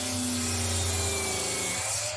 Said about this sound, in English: All right, yeah, that's a 184mm circular saw cutting through some PVC pipe.